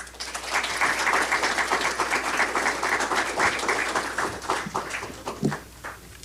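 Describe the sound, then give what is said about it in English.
An audience at an award ceremony applauds an awardee after her speech, for about six seconds, a dense, even wash of many hands clapping at once, with a few sharper claps standing out near the end before it starts to thin. “Give her another round of applause, please.”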